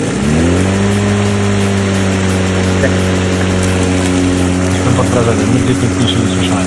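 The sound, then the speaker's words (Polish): A lawn mower engine runs loud in a garden, holding a steady droning hum the whole time, its pitch dipping slightly near the end. “Pokaż kosiarkę jeszcze raz. Jeszcze raz kosiarka.”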